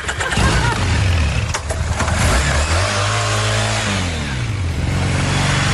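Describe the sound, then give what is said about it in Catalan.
A motorcycle engine revs loudly, its pitch climbing and dropping through several throttle surges, then settling into a steady high drone, with no voices over it. “Déjame subir en la moto.”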